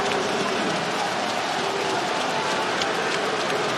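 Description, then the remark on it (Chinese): Steady, dense crowd applause in a basketball arena after a successful referee challenge, a continuous crackling wash of many hands clapping at an even loudness with no pauses. “来了各位，谢球谢到掌声。”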